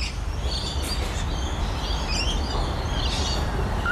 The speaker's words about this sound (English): I've got to find out what this bird is. Look, if someone else is listening and you are a birder and you're better than the app, please tell me what this bird is.